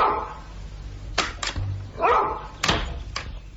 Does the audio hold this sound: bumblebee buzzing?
no